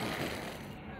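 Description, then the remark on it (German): A steady, smooth hum of electric cars passing on the streets of Oslo, Norway, an even whirring road noise at moderate level with no engine rumble, lasting throughout. “Und es ist erstaunlich leise hier, bis auf das Summen der E-Autos.”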